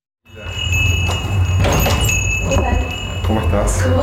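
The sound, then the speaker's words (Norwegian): The door of a Venezuelan restaurant in central Buenos Aires, Argentina, opens with a light jingle of metal as a young man enters, followed by the steady hum and murmur of the busy restaurant with voices in the background. “går inn døren til den venezuelanske restauranten i sentrum av Buenos Aires.”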